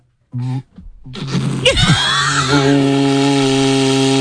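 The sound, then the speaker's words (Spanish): An engraved ox horn, made by artisans in Euskadi, blown by vibrating the lips: a short opening blast, then a long loud buzzy low tone that wavers and bends in pitch before settling into a steady sustained note. “Es un cuerno de buey, que esto lo hacen artesanos en Euskadi, y fíjate, está grabado y todo.”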